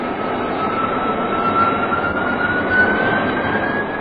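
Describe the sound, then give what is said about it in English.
An F-92K jet fighter roars steadily, its engine whine rising slowly in pitch as it turns tightly, with a dense rumbling wash of noise throughout and no voices. “The F-92K turned nice and tightly with the aid of her flying tail.”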